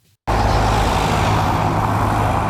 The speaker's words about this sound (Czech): Na Havlíčkově náměstí v Havlíčkově Brodě je v těchto dnech provoz jako na silnici vyšších tříd. Řidiči tudy objíždí uzavřený most na Masarykově ulici a přímo v centru města se tak často tvoří kolony.